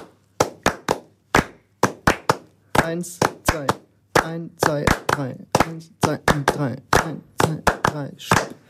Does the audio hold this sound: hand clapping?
yes